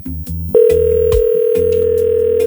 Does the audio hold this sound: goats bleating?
no